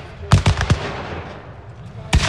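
Gunfire and a cannon salvo at a battle reenactment on the battlefield at Chlum near Hradec Králové, Czech Republic: a quick ragged burst of four loud shots, a pause with a low rumbling background, then another sharp blast near the end, with no one talking.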